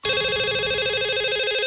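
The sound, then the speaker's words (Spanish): A telephone rings with a loud, continuous electronic warble, a rapid trilling tone that starts abruptly and holds steady throughout, with no voices present. “Teléfono.”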